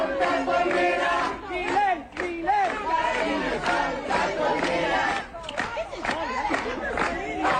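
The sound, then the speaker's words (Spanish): A large crowd shouting and jeering at a president loudly and continuously, many voices overlapping in a dense, agitated roar with sharp individual yells rising above it, filling the whole clip. “También podrían gritar porque soy presidente de ustedes, aunque no les guste.”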